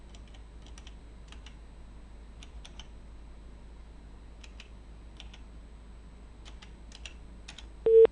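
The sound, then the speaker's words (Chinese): Soft, quiet key presses tap out in irregular little clusters as a phone number is dialed on a keypad to call Director Zhao of the Horinger County housing and construction bureau, ending with a brief steady electronic tone. “我们再打一下赵局长的电话试试啊”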